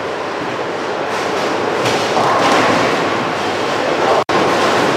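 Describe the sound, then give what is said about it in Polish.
A bowling ball rolls down a lane at a bowling competition with a steady, loud rumbling roar that runs for several seconds, with no voices over it. “lecą znakomicie, idealnie zbijając wszystkie kręgle, no ale to na pewno nie tylko o to chodzi, choć przede wszystkim chodzi na pewno o technikę.”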